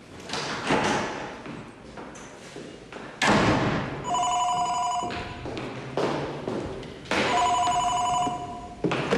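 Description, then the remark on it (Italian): A telephone rings twice in bright, shrill bursts, fairly loud, after a few dull thumps and knocks like a door or objects being handled. “ci sarebbe la signorina Livia al telefono, gliela passo o no?”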